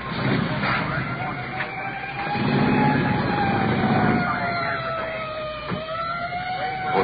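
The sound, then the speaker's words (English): A district uniform police car's siren wails steadily over rumbling traffic and engine noise, growing louder in the middle as the car comes in to cover the area in a search for a suspect on foot, with faint voices in the background. “District uniform car coming in.”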